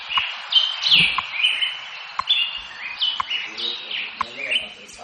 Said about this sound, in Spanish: Bueno, nos íbamos al Congreso de los Diputados, pero con el permiso de los pajaritos vamos a escucharles, ya que en estos momentos está amaneciendo oficialmente en Madrid.